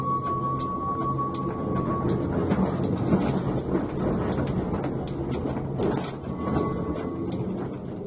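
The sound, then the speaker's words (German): Two tram cars return to the Burgau depot after a photo special run as rain sets in, rumbling along steadily, with a thin high wheel squeal early on and a dense rolling roar that swells and fades slightly throughout; no one speaks. “Mit einsetzendem Regenwetter endete die Fotosonderfahrt gerade noch rechtzeitig und die beiden Wagen rückten wieder zum Betriebshof Burgau ein.”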